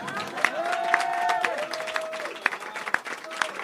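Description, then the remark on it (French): A crowd claps warmly and steadily for a 29-year-old woman, a dense patter of many hands, with a few cheers and whoops rising over the applause. “qu'on peut applaudir chaleureusement, même si elle a que 29 ans.”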